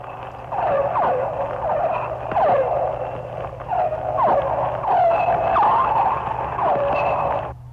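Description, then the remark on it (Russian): Echolocation clicks of a pilot whale, a large dolphin, searching for prey while hunting, with repeated short squealing whistles rising and falling over a steady underwater hum. The calls come in a loose rhythm of about a dozen, fairly loud. “Это охотится, вероятно, гринда и издает звуки такие локационные, с помощью которых она ищет добычу.”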